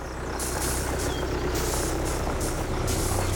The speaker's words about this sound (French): Un tracteur, c'est donc une bestiole des champs.